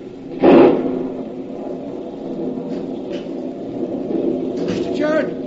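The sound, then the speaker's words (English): A sudden, loud thunder crash from a lightning bolt striking a cliff beside a burying ground bursts out near the start, then rolls on as a steady low rumble that keeps going for several seconds. “A real granddaddy of a lightning bolt hit the cliff just now, right beside the burying ground.”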